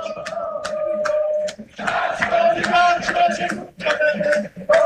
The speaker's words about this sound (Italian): Sentiamo i cori dei tifosi ancora una volta.